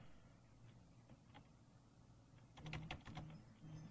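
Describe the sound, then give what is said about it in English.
Soft typing on a computer keyboard as a medication name is entered into a website search: a few scattered clicks, then a quick burst of keystrokes in the second half, fairly quiet over a low steady hum, with no one talking. “So I'm going to put in a medication here.”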